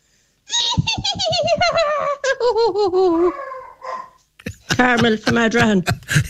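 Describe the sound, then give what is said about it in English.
A radio listener imitates a filly's whinny twice, winning tickets to Ladies' Day at the Galway races: a loud quavering voice that trembles in rapid pulses while its pitch slides downward, then a shorter second whinny after a brief pause. “You better impress us with your filly impression.”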